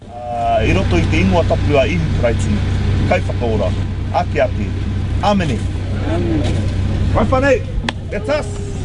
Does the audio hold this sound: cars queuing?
yes